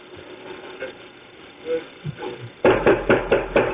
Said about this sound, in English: Sorry, but when you get a couple of people who didn't hurt anybody and break anything, and you send the SWAT team in, listen to how they knock on the door. All right, just listen to this.